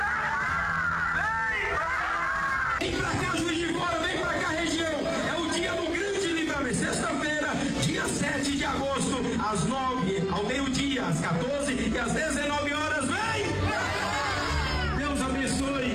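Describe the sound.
A dense crowd at the state headquarters (sede estadual) in Juiz de Fora chatters and calls out continuously in the morning, many overlapping voices forming a loud, steady babble with occasional shouts and laughter rising above it.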